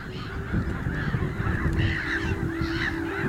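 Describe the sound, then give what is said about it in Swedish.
A black-headed gull colony in full clamor: many harsh, nasal calls overlap without pause, rising and falling in a constant loud din with a low steady rumble beneath. “När sover en skrattmås? I detta larmande kaos.”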